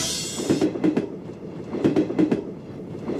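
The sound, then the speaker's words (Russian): Train wheels clack over rail joints in rhythmic paired beats, fairly loud, above a steady low rumble of the moving carriage, with a brief hiss at the start. “Ненавижу поезда.”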